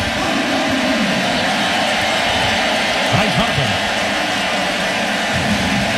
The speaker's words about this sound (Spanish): Tristan Peters, que había entrado por Cody Bellinger, es el primer out del inning. Y entonces, aquí recibe la ovación.